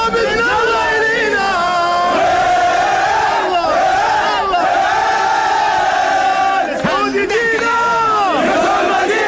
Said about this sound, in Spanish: Esta es la hinchada de Arabia Saudita.